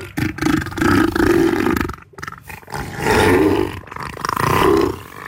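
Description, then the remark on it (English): Neil the Seal, a giant seal of about 1,000 kilograms visiting the Australian island of Tasmania, gives a series of deep, loud, guttural roars, about three long bellowing calls with rough, throaty texture and short pauses between them. “We begin on the Australian island of Tasmania, where a giant seal is bringing laughter and joy to millions of people.”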